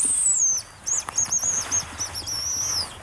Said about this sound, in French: on va se diriger sur un autre endroit pour voir un oiseau que vous affectionnez énormément. La gélinotte des bois.